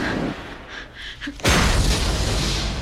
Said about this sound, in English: The testing room's doors explode.